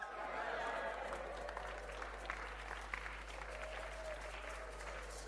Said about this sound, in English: If you are not clapping, you are a hypocrite.